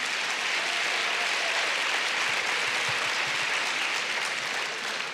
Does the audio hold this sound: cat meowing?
no